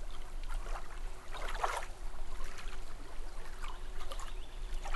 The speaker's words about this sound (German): Also da fließt aber so ein Wasserstrahl.